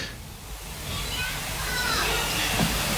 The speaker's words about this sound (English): A little light shower of rain trickling across the track again, as it has done on and off a few times today.